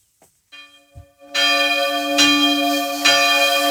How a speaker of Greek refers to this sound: Αυτό μου θυμίζει το παλιό του νομικού, πάλι χτυπάνε καμπάνες για μας